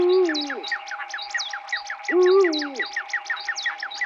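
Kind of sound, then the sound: bird, eurasian eagle-owl hooting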